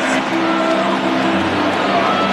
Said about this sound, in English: The cheer you just heard was from the Cardinals fans here at American Family Field.